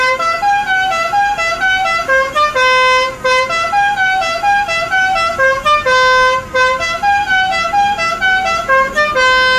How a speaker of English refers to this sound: Does anyone ever get annoyed by the horn? No, they love it.